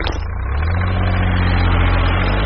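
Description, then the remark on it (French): A garbage truck's engine runs in a steady, loud, low rumble, holding an even idling drone throughout the short stretch with no voices. “Ce camion benne, il récolte les déchets, les écrase pour qu'ils ne prennent pas trop de place, et ensuite, il peut les décharger.”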